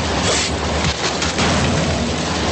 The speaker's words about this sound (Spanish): El cuerpo cae pesadamente al suelo.